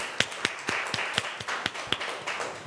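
A group of students claps in a steady rhythm, about four sharp claps per second standing out over a softer wash of scattered hand claps. Moderately loud, with no talking.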